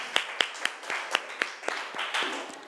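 A small group claps together in a steady, even rhythm of about ten sharp claps, close and moderately loud, with some scattered clapping blending between the beats.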